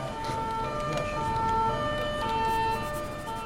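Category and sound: vehicle, police patrol car siren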